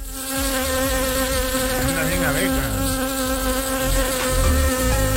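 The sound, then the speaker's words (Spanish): A dense, steady buzzing like a swarm of bees, continuous and fairly loud throughout, with a layered droning hum that wavers slightly in pitch as many insects overlap. “Pero a mí se me hace que ya no andaba en modo abeja, sino más bien en modo panal, diría yo.”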